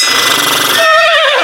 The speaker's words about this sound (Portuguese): Fala, cavalo.